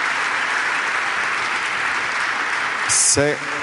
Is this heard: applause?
yes